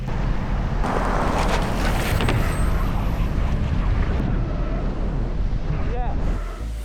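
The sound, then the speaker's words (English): A car races at high speed and jumps through a lorry trailer, its engine roaring steadily under heavy wind buffeting, loud the whole way before the noise drops off slightly at the very end. “I'm going to jump through a lorry trailer for the first time in my life.”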